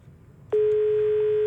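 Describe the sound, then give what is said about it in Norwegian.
A steady telephone line tone switches on abruptly and holds at an even, loud level, a single sustained electronic pitch after a brief quiet moment, as a phone call from the north of the country is connected. “Vi skal ta inn en telefon til før vi stenger jukeboksen vår i dag”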